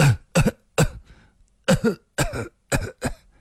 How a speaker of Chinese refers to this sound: 那酒鬼已抽出了信，只瞧了两眼，苍白的脸上又泛起了一阵异样的红晕，弯下腰去不停地咳嗽起来。